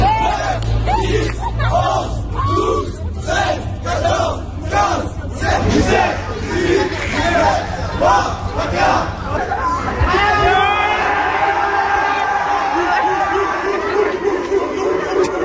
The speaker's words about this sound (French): Alors, vous devinerez avec l'enthousiasme de la foule qui était formée de lycéens autour que c'est le lycéen qui a battu le policier.